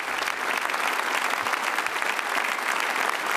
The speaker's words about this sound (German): Und jetzt steht er, nachdem er vom Podium heruntergegangen ist, vor dem Publikum, vor den Gästen, nimmt den großen Applaus entgegen mit viel sehr sympathischen Dankesgesten.